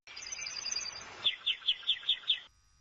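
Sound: bird chirping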